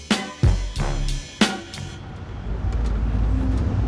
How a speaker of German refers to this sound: Im Januar 2026 sitze ich in San Francisco in einem Bus Richtung Downtown.